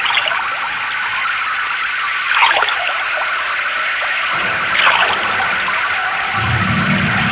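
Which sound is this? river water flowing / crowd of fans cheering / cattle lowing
river water flowing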